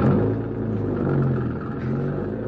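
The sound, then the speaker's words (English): A car engine rumbles steadily, a low droning hum with slight rises and dips in pitch as the car is started up and driven down a roadway, with no voices over it. “Start her up and go down the roadway.”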